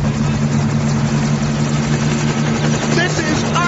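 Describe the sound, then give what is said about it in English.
A loud, steady helicopter rotor and engine drone fills the scene over Lake Ontario as a ladder is lowered from it, a constant low hum with strong tonal whine and rushing noise, while faint voices sit partly buried beneath it. “Get the hell off of my helicopter.”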